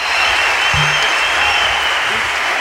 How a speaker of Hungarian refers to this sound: Hiányoltam a tapsot. Várjál, most!